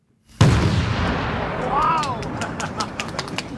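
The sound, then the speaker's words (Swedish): A single loud cannon salute blast booms out at the opening of the E4 road section between Enånger and Hudiksvall, Sweden, and rolls away in a long outdoor rumble, followed by scattered sharp cracks and a brief rising-falling tone. “Det var en riktig kanonkunde.”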